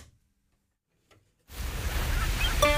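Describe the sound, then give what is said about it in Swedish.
After a moment of near silence, a steady wash of surf noise rises and holds, with faint high cries of seagulls flickering near the end, heard in the background of a radio studio in Halland, Sweden. “Det hörs man nästan i bakgrunden. Fiskmåsarna som vi har då på en stång här inne i våran studio här i Halland.”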